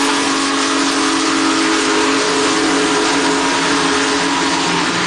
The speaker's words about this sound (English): Big Boy is the world's largest operating steam locomotive and puffed its way from Union Station to Herman.